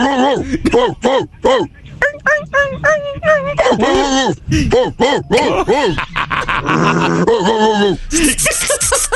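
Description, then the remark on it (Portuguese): A person vocally imitates a whining dog in heat, producing a long run of high, wavering whimpers and yelps in varying pitches, loud, with no other talk. “Nossa, tem vários tons, né, de cachorro.”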